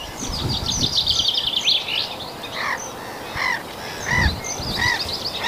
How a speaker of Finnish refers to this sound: Naurulokit. Ne on tuossa samalla pellolla kuin aikaisemmissa lähetyksissä.